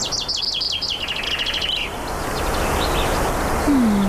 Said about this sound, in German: man hört den Wind und Vögel singen